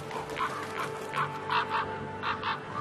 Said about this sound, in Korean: 하지만 까마귀들의 방해를 받는 건 마찬가지군요. 겨울 동안 까마귀들은 소란스럽게 무리지어 다니며 타이가 곳곳에서 먹이를 찾습니다.